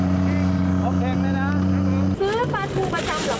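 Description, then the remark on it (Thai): A canal vendor's motorboat, used for selling mackerel along the canal, drones loudly and steadily as it revs, then abruptly shifts to a rougher, throatier pitch partway through, while people talk over the noise. “แล้วเราจะรู้ได้ไงเพราะว่าเรือมาแล้ว เขาขับมันรู้กันเองไงบอกไม่ถูกกันน่ะการขับแต่ละคนการเร่งเครื่องไม่เหมือนกัน”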